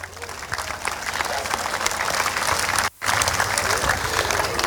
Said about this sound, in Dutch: Maar dat kan niet zonder onze sponsors en zonder de gemeente Capelle aan de IJssel. Dus graag een applaus voor hen.